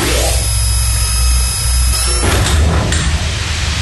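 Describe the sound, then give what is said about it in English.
A motorized door slides shut with a steady mechanical whir and hum, ending in a couple of solid clunks as it seals. No voices. “Okay, I'm going to close the door.”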